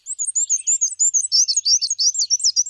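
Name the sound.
black-and-white warbler song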